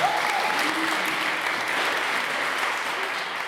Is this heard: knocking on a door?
no